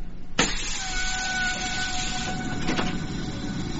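toilet flushing

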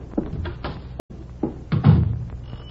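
knocking

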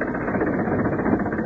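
bus engine running

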